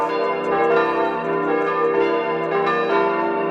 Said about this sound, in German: Und vielleicht auch, dass niemand verschläft in Maria Alm. Sind tatsächlich die Glocken von Maria Alm. Also Gott sei Dank gibt es bei uns Kolleginnen und Kollegen, die jedes Geläute im gesamten Land einmal aufgenommen haben.